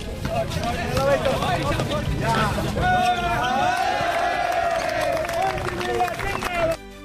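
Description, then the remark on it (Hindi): A large crowd in a stadium roars with steady applause and cheering voices after Lok Sabha Speaker Om Birla sinks a basketball on his first try, at the opening of new sports facilities at the Shrinathpuram Sports Complex in Kota, a dense, loud wall of sound lasting several seconds before cutting off abruptly. “उनका सटीक निशाना देख स्टेडियम तालियों की गड़गड़ाहट से गूंज उठा।”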